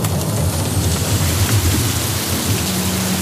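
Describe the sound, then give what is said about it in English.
Steady heavy rain hisses throughout, falling outside a house's sliding back door, with a deep low rumble of thunder rolling underneath the whole time, no voices present. “follows Hart out the sliding back door into the rain”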